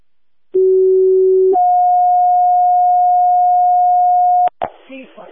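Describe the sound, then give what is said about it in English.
A fire dispatch paging alert plays two steady electronic tones back to back: a lower one held for about a second, then a higher one sustained for three seconds, loud and clear, before a voice begins dispatching Bainbridge Fire to an odor investigation at a Dollar Tree store. “Do you need tones on it? Page out, please. Affirmative, toning.”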